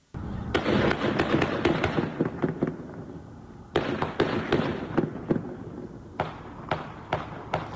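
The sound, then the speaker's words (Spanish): Rapid bursts of gunfire crackle from a distance, sharp repeated shots in clusters with brief pauses, about 50 shots in a shooting at Memorial Drive and River Street in Cambridge, recorded on a bystander's cellphone, with a muffled, boomy quality and no talking. “Así se escuchó el momento del tiroteo, grabado por alguna de las personas que estaba a la distancia y sacó su celular.”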